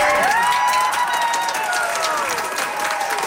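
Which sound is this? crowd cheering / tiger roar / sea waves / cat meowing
crowd cheering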